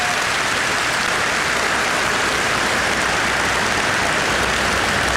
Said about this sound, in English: Now, as chairman of this brilliant party, I follow in the footsteps of the brilliant, ever youthful, I don't know how he does it, and hard-working housewife's favourite, Dr. David Bull. He needs a clap. He's a great man.